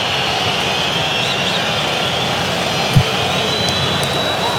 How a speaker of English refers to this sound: And I would say, and all those people watching are not happy right now. Now you're hearing boos from the crowd. Yeah, they're getting a little bit restless. That can happen sometimes with Mexican crowds.